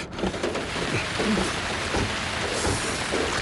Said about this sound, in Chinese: 哎，下雨了，开慢点啊。